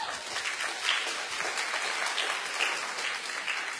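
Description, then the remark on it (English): A crowd of married people with adult kids applauds steadily during a pastor's sermon, a dense wash of many hands clapping at an even level for several seconds with no voices standing out. “That applause was from all of the married people with adult kids.”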